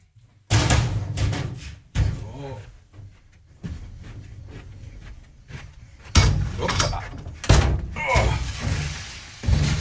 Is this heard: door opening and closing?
yes